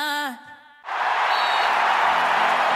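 On a Cadena SER radio programme, a brief tonal voice or whoop, a short lull, then a loud, dense burst of audience applause that keeps up steadily until the end.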